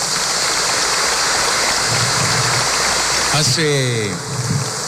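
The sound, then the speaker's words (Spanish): An audience applauds their priest in a dense, steady wash of clapping that lasts throughout, with a voice briefly calling out over the applause near the end. “Un aplauso para nuestro sacerdote.”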